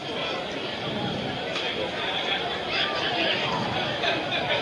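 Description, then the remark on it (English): A dense, steady murmur of many voices fills a baseball stadium at a night game involving the Warbirds, a constant wash of crowd chatter with no single voice standing out, swelling slightly louder toward the end. “Good crowd here tonight.”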